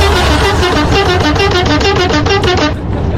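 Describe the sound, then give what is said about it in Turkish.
A car horn honks in a rapid, steady series of short, bright toots, about a dozen in under three seconds, loud over a low engine rumble, then stops abruptly, as the car passes a speed camera in Kazan, Ankara. “Şu anda radarın önünden geçiyorum ve senin için korna basıyorum.”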